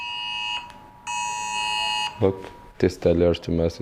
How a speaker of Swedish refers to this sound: Det är regeringen som testar ett nytt varningssystem i folks mobiler.